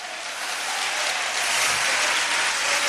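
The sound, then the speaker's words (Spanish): A large crowd of evangelical Pentecostals claps steadily and loudly for Christ, a dense wash of many hands applauding together, swelling slightly and sustained throughout with no one speaking. “Denle fuerte ese aplauso a Cristo en esta hora.”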